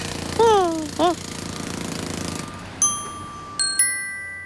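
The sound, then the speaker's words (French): Jackhammers dig into the ground in a rapid, steady pounding for about two seconds, with two brief rising-and-falling tones over it, followed by a few ringing metallic clangs. “Ce sont les marteaux-piqueurs qui creusent le sol, qui te donnent l'impression que la terre tremble.”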